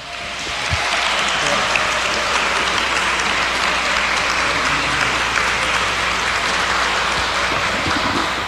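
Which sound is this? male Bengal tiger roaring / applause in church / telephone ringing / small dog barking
applause in church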